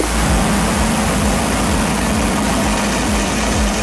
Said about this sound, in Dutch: En zo klonk die lancering.